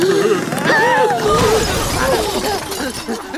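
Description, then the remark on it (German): A whole shelf standing outside against a barn wall topples over and the flower pots on top fall to the ground and break: a loud clatter, then pots breaking in a burst of smashing debris lasting a few seconds while excited, high-pitched voices chatter over the crash. “Das ganze Regal, das außen an der Scheunenwand steht, fällt um. Und die Blumentöpfe, die oben drauf stehen, fallen zu Boden und zerbrechen.”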